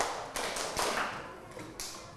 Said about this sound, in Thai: ปรบมือ5ครั้งปรบมือ5ครั้ง